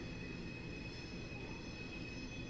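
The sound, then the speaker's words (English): A train screeches loudly past the Smokies' ballpark during a baseball game, moving from beyond center field out toward left, a steady high-pitched metallic squeal of wheels riding over a dense rumble that stays constant throughout, with no talking. “Friend the Train screeches by. Coming in from center field now and going out to left.”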